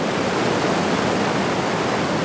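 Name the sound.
rushing waterfall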